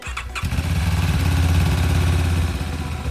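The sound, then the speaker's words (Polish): The engine of a new ambulance motorcycle of a regional emergency medical service station, used solely for transporting blood and plasma, catches after a brief start-up and settles into a steady, loud rumble with a low throbbing idle, no voices present. “Nowy motoambulans w Wojewódzkiej Stacji Ratownictwa Medycznego to już czwarta maszyna na wyposażeniu placówki i druga zajmująca się wyłącznie transportem krwi i osocza.”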